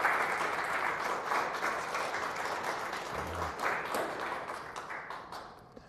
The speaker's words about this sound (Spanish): Un aplauso a Cristo. Gracias.